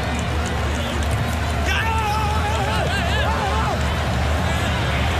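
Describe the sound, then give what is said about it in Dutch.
A loud, steady football stadium crowd roars throughout a match, with individual shouts and rising, wavering calls standing out from the dense hubbub in the middle seconds. “Ja, veel geroep en getier.”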